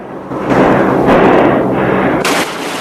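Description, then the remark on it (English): Loud, harsh bursts of machine gun fire from an aircraft, rattling in a dense continuous roar, with fresh surges near the start, middle and end. No voices. “Eugene shoots. I said hold your fire!”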